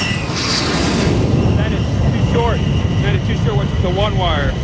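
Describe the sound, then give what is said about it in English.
A steady, loud roar of an F-14 Tomcat jet coming in to land on an aircraft carrier, passing right over the edge of the deck, heavy in the low end, while voices talk over it in the second half. “He's right over the edge of the deck.”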